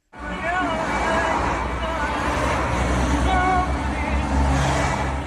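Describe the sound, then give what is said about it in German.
Steady roadside traffic noise in Salé, Morocco, between the street and the Atlantic, with cars rushing past a small white van on their way to Rabat, engines droning continuously, while a murmur of background voices blends into the busy street ambience. “Autos rauschen an ihrem kleinen weißen Kastenwagen in Salé vorbei, auf dem Weg in Marokkos Hauptstadt Rabat.”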